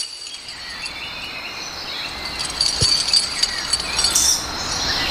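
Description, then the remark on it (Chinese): A few irregular metallic clinks, like a cow bell being jostled, ring out over a steady high-pitched drone of insects, heard near a herd of wild Asian elephants in Xishuangbanna's Wild Elephant Valley, China; no one speaks. “就像牛铃铛一样。我们说，哎，怎么会有这个牛铃铛响呢？”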